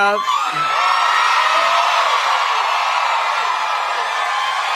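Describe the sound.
A voice imitates the shrill, excited screaming of girl fans: one loud, sustained high-pitched shriek that holds steady for several seconds, unbroken.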